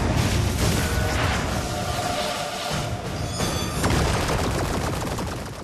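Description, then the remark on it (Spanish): A militia fires a wave of rockets at a ship in a Teenage Mutant Ninja Turtles story: a dense, continuous barrage of explosions and whooshing blasts rolls on without pause, loud and chaotic, with crackling bursts layered over a heavy rumble throughout. “La milicia lanza una ola de cohetes hacia la nave.”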